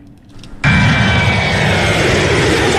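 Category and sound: vehicle, passenger jet airplane engine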